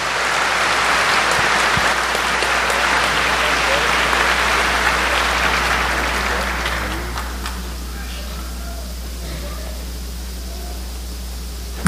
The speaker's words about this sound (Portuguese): e com isso concluo estes agradecimentos, também a nossa salva de palmas e o nosso muito obrigado.